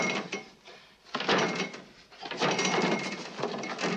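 A man in hospital pyjamas jerks and rattles a door handle repeatedly, pulling the door toward himself in a hospital corridor, with a burst of clattering metal, a brief lull, then more insistent rattling and clunking of the latch.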